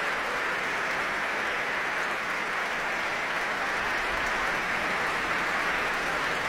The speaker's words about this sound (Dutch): Nou, er is hier inmiddels gestemd. De laatste mensen komen nog even snel op hun stoel zitten. En daar klinkt het applaus voor Dima Slobodenjuk.